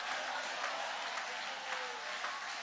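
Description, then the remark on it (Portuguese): An audience applauding steadily, a dense, even wash of many hands clapping that holds at a constant level throughout, with no voices standing out above it. “Vai aplaudindo porque já está caindo.”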